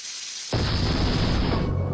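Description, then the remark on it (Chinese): After a brief quiet moment, a pressure cooker explodes with a sudden loud boom that turns into a sustained, roaring hiss of escaping steam lasting about a second and a half. “哎呀，老头子呀，高压锅爆炸了！”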